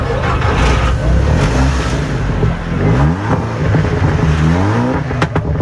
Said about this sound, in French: Des oreilles bercées par le son rugissant des moteurs.